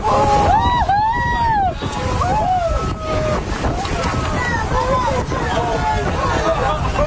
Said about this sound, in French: Ce que vous avez entendu, Bis, ce sont les réactions du groupe à une dizaine de dauphins à nez blanc qui sautent les uns après les autres hors de l'eau. On peut d'ailleurs entendre le bruit des dauphins qui se jettent dans l'eau.